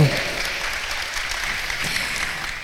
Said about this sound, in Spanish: Un aplauso para ustedes y un aplauso fuerte para nuestra señora de Fátima. ¡Fuerte!